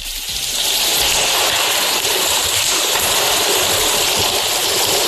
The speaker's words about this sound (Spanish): La lluvia irá hoy a menos, después de un miércoles de fuertes precipitaciones con acumulaciones de 59 litros por metro cuadrado en Gijón y vecinos achicando agua.